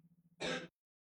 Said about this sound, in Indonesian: lagi batuk di teman Pro 2 kasihan.